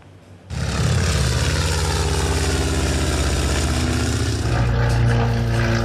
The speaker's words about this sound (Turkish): Türk Havacılığı'nın ilk uçaklarından İkinci Dünya Savaşı'nın efsanevi avcılarına kadar birçok hava aracı Sivrihisar hava gösterilerinde bir araya geldi. Tarihi uçakların kol uçuşu ilgiyle izlendi.